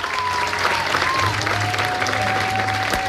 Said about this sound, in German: Applaus in diesem Theater. Ja, viele, die hier laut applaudiert hatten, waren ja eigentlich bereits längst raus aus dem Disney-Alter.